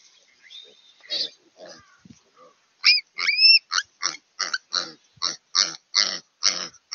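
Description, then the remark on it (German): Piglets squeal as ravens attack them, pulling at their tails, in a fast run of sharp, high bursts, with quieter grunts and scattered squeaks at first, then loud rapid shrieks repeating in a steady rhythm of panic. “Verschiedene Raben jagen die Ferkel.”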